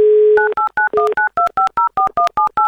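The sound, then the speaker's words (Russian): A telephone number is dialed on a radio show to call a listener from the Lipetsk region: a steady dial tone gives way to a rapid series of about a dozen short, evenly spaced touch-tone beeps, loud and clear with no talking. “Набрали номер.”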